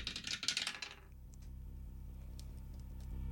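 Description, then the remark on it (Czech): A game die is rolled and rattles and clatters in a quick burst of hard little clicks for about a second, then settles, leaving only a faint low hum. “Házíme hrací kostkou.”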